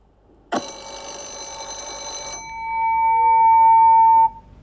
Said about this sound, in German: Es klingelt zur Schulstunde, doch die Schüler werden nicht von einem Lehrer, sondern von einer künstlichen Intelligenz begrüßt.